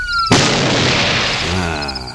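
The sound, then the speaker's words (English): A steady wailing siren tone is abruptly cut off by one loud shotgun blast, fired to turn the siren off: a sharp bang that spreads into a long, rumbling, gradually fading decay. “Yeah, how do I turn this siren off? I guess that's what the shotgun's for.”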